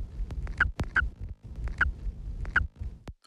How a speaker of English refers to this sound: So in contrast to some of the other vocalizations, we also got clear squeaks, and it was one of the vocalizations produced only during nest emergence.